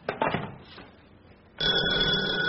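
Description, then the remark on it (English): A front doorbell starts ringing partway through, a loud, continuous electric ring that carries on to the end, following a few brief muffled bumps and rustles. “Darling, that was the front doorbell.”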